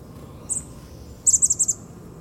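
Chestnut-backed chickadee calls from birds moving in an Indian plum shrub: a single high, thin note, then a quick run of about five buzzy chips, over a low steady outdoor rumble.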